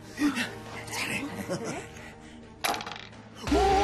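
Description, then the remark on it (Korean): Dice are tossed in a history quiz show game and clatter across a hard surface in a quick burst of rattling clicks, with voices and light chatter around the throw. “그렇다면 주사위를 던져주세요.”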